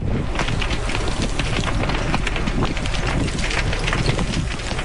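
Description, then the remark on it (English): Steady, roaring wind buffets the microphone without pause at the Bradley Creek wildfire beside Westside Road in the Okanagan, a dense low rumble with scattered crackling bursts like burning brush, and no voices. “Fast-moving flames beside Westside Road, the wind howling and pushing the fire dangerously close to properties.”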